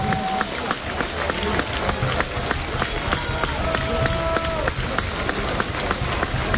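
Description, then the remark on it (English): A stadium crowd at a baseball game cheers in a dense, steady roar during a 2-2 count, punctuated by scattered sharp claps and a couple of sustained whistle-like tones, loud for the whole stretch. “Here comes the crowd again.”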